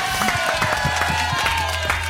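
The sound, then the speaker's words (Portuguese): A crowd applauds steadily, dense clapping mixed with some cheering at a fairly loud, even level throughout the short stretch, with a faint tonal hum underneath, as footballers Dodô and Dentinho are introduced on the Papo de Craque radio show. “Uma salva de palmas para Dodô e Dentinho.”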